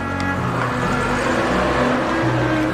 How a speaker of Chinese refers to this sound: 他悄然地观察着，见三人上了文娜的汽车，向街上驶去。